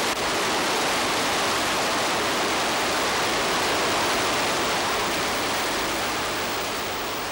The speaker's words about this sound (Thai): สายน้ำอันเชี่ยวกรากเมื่อถึงฤดูน้ำหลากในบริเวณนี้คือส่วนหนึ่งของแม่น้ำยมที่ชาวสุโขทัยขนานนามว่าแก่งหลวง